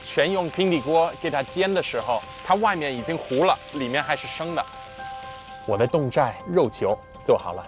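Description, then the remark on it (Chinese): Half-cooked, previously steamed meatballs sizzle steadily in a hot pan over high heat to crisp the outside, a constant bright frying hiss under a person talking over it, on a rainy day; the sizzle cuts out near the end while the voice continues. “现在这个肉球是已经做成半成熟了，用大火给外皮煎脆了，就可以吃了。”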